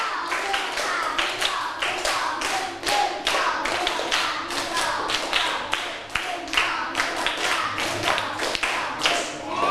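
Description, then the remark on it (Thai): Children in a class activity clap hands in a steady, rhythmic pattern to show they are ready, sharp bright claps repeating continuously, with no talking over them. “ปลายทางพร้อมไหมต้นทางพร้อมไหมพร้อมไม่พร้อมถ้าพร้อมแล้วปรบมือ5ครั้งไม่พร้อมกันปรบมือ1ชุด”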